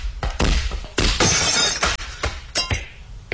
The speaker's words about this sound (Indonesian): kacanya pecah. Oh, kamu ya yang mecahin kacaku.